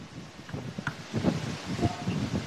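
A coastal breeze at the Fox Weather Beach House buffets the microphone, a steady airy hiss with uneven, gusty low rumbles swelling and easing over a couple of seconds.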